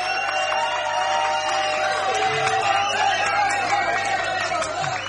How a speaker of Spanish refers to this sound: Aplauso para Jorge Javier Vázquez.